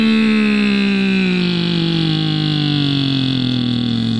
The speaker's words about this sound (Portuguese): E aí os caminhoneiros, pessoal que também tem a caminhonete, né? A diesel. E motor funcionando como novo.